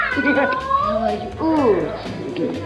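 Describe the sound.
A person mimics a cat, giving two drawn-out, whiny meows in a row, the second rising and falling more sharply, fairly loud.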